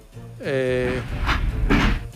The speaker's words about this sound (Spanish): ¡Suban al tren! Ahí está sonando, es el tren de vapor.